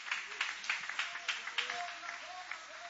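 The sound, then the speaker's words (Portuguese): A crowd claps steadily in a dense, crackling wash of applause, welcoming a "servant of the Lord" with applause for Jesus at a religious gathering, with scattered voices calling out and cheering over the top. “Vamos receber o servo do Senhor com palmas bonitas para Jesus, aleluia.”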